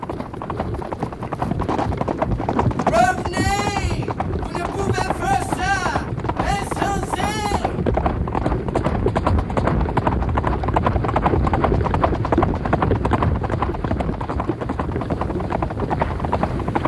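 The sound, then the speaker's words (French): Horses gallop at breakneck speed along a winding trail, their rapid hoofbeats drumming loudly and continuously, with a few shrill whinnies rising over the pounding early on. “Ils galopent à tombeau ouvert le long d'une piste sinueuse.”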